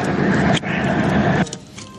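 A loud, harsh car horn blast sounds in two bursts, a short break splitting them, holding for over a second before cutting off into quieter low noise. No one speaks.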